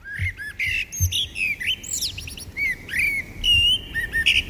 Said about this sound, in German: Ja, ist doch immer schön, so ein Vogelgezwitscher. Ja, und das soll angeblich sogar gesund sein, sagt eine neue Studie.